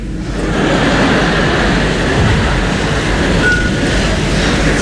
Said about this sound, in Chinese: 那边火车已经离开唐山车站驶向天津